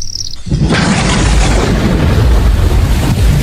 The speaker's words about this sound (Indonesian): Ayo, Pa, bantuin dong. Ini udah masuk ke rumah airnya. Diangkatin barang-barangnya. Gara-gara papa sih. Aliran selokannya mampet. Repot kan kita banjir gini?